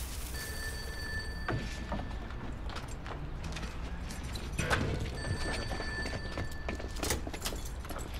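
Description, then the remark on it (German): A telephone rings in two long bursts separated by a pause, its steady high electronic tone sitting over a busy background of clattering and knocking noises, with no one speaking. “Der Telefon, hörst du das denn nicht?”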